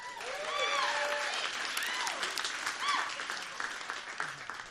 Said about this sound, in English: Let's get a round of applause for her.